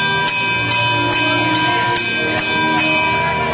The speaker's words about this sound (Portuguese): Então, naquele momento, Daniel tocou o sino daquele portão para dizer que ali estava alguém para falar com o rei.